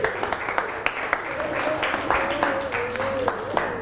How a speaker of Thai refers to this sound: ปรบมือให้สุดหล่อแล้วก็นำเสื้อส่งไปข้างหลังเลยค่ะปรบมือให้เพื่อนลูก